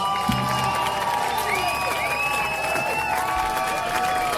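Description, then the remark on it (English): An audience claps and cheers steadily throughout, a dense wash of hand claps topped by overlapping whoops and shouted voices, holding a fairly even loudness from start to finish. “they clapped.”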